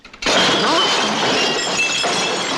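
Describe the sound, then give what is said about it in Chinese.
Dishes being washed shatter in a sudden loud crash, followed by a couple of seconds of scattered clinking and tinkling shards settling, with no voices. “洗碗你都不会，现在我升你职，去倒垃圾，垃圾总不会碎了吧？”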